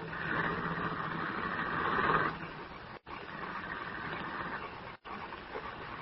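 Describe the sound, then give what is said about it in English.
A car engine rumbles steadily in the rain, then after about two seconds the sound eases off and it continues at a lower, even level as the car pulls away. No voices. “He held me a moment longer, and when the car had gone, he released me.”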